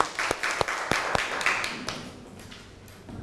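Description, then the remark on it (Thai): A small group of students claps in scattered applause for a student representative in class, with sharp distinct claps standing out over a softer patter that fades away toward the end; no talking. “ขอบคุณค่ะขอเสียงปรบมือให้ตัวแทนนักเรียนหน่อยค่ะ”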